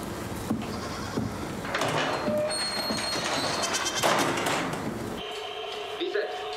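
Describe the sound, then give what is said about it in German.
A young goat (kid) bleats with a rising, wavering cry, and a few short harmonic calls ring out clearly near the end over a rough, noisy background that has some voice-like sounds. “Ja, mit die mögen die kleine Zicklein.”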